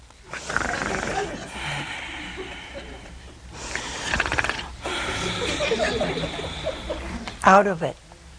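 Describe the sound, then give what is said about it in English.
A voice imitates loud snoring, drawing long rasping, breathy snores in slow repeated cycles that end in a sharp snorting burst. “And he was snoring.”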